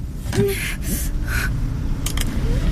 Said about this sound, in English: The school bus. I forgot it comes out here.